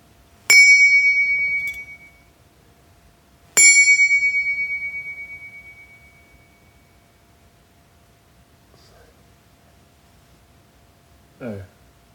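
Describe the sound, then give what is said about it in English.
Two found objects, found in a bin, are struck in turn to record their notes, each giving a sharp metallic hit that rings out with a bright, high tone and fades slowly, followed by faint taps and a brief scrape. “Actually, I'll strike them all one by one so I can record the notes and use them later.”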